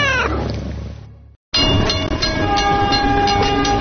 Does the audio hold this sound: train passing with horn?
yes